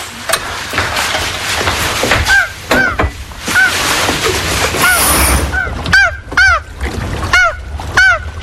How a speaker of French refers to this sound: Font ces boucans, ces canards. C'est une mouette.